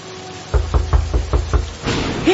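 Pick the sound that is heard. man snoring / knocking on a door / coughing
knocking on a door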